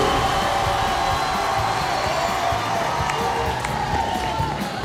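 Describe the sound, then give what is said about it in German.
A large crowd cheers and applauds continuously on a Radio Bern music show, a dense wash of clapping and shouting that stays loud and steady throughout, with scattered voices rising out of the roar. “Sehr fein! Applaus!”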